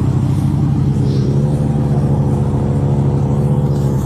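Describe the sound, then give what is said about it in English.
A car engine runs with a steady, low, droning rumble that holds even throughout, like a vehicle idling or rolling slowly to a stop, as a Pumas County Sheriff's deputy pulls a driver over in Lake Worth during a distracted-driving operation. No one speaks. “he's just pulled her over. Walk into the car.”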